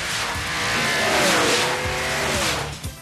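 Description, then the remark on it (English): A car speeds past with tires squealing in long, rising and falling whines over a loud, steady engine roar, sustained, with no voices, on a ride through an automotive proving ground at Epcot. “On Test Track, you'll take the ride of your life through a hair-raising automotive proving ground.”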